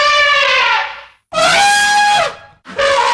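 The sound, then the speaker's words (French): An elephant trumpets three times in quick succession, each call a loud, brassy, blaring blast, the second longest, with short silences between them and no voices. “Au cours de cette fable, nous rencontrerons l'éléphant.”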